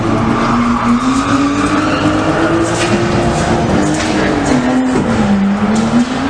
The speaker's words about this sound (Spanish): Este sonido, o alguno parecido, el de carreras ilegales que no dejan de crecer en la capital pacense.